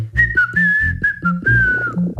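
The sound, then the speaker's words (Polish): A person whistles a sustained, high, clear tune of several connected notes, sliding slightly in pitch, fairly loud, with a low hum or background tones underneath. “Czyli gwizdanie to jest, można tak powiedzieć, wydawanie wysokiego i zwykle ostrego dźwięku.”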